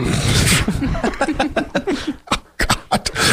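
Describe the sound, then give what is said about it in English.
A voice mimics a sneeze with breathy, hissing bursts at the start and end, separated by quick voiced sputters and sharp clicks, fairly loud. “So if somebody sneezes, you're like.”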